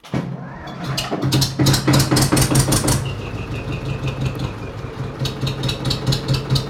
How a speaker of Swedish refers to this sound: som har hoppat upp i traktorn här. Ska vi se om vi kan dra igång den gamla rackan.